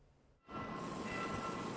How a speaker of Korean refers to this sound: 회색 콘크리트 기둥 사이로 열차가 지나갑니다. 열차가 가까워지면 경보음이 울리고 정지 알림을 띄운 전광판에 불이 들어옵니다.